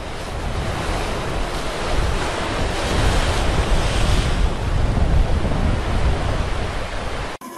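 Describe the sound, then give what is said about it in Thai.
Loud, continuous roar of strong wind and surging sea waves breaking against rocks, with gusts buffeting the microphone; no voices, just steady turbulence throughout. “เมื่อคลื่นลมข้างบนแรงใต้น้ำก็ลำบากไม่แพ้กันกระแสน้ำรุนแรงพอๆกับพายุเฮอริเคนบนบกเลย”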